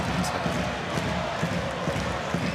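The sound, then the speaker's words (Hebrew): A packed basketball arena crowd of Maccabi Tel Aviv fans chants and roars at a game against Bnei Herzliya ahead of the playoffs, a dense, steady wall of voices with a loose rhythmic pulse running through the noise and no single speaker standing out. “קהל התל אביבי מחמם את הגרונות לקראת יום חמישי, לקראת הפלייאוף.”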